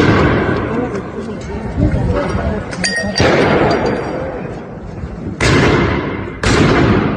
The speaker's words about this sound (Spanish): Durante la protesta, algunos manifestantes lanzaron piedras, petardos y dinamitas contra los uniformados, mientras que las fuerzas del orden respondieron con el uso de agentes químicos para dispersar a la multitud.